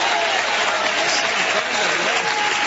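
A crowd claps steadily and loudly, a dense wash of applause filling the whole space without pause, with faint voices mixed in underneath.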